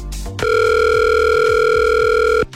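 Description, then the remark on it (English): A loud, steady electronic telephone ringback tone holds for about two seconds with no voices, starting and stopping abruptly, as a Power FM radio presenter places an outgoing call to a listener. “I have to make a phone call right now.”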